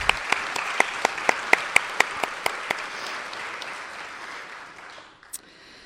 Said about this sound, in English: Oh, right here! Round of applause for the help of judging.